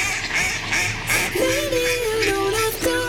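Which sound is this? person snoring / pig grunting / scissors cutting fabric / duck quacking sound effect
duck quacking sound effect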